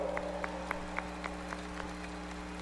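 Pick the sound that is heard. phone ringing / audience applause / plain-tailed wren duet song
audience applause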